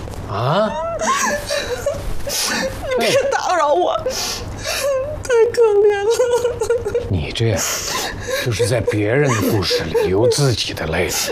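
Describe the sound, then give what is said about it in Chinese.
A person cries over a sad story played by actors, with wavering, whimpering sobs and shaky voiced wails that continue steadily for several seconds. “嗯，这怎么还哭上了？”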